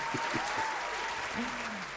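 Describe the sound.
Steady applause fills the whole clip, a dense, continuous patter of many hands clapping, with a few faint voices and a brief tonal murmur underneath.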